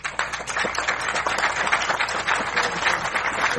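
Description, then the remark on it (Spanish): A crowd applauds steadily for the opening of the La Rosa de los Vientos tourist pier in Campeche, a dense wash of many hands clapping that holds at a fairly even, moderately loud level from start to finish. “Un fuerte aplauso.”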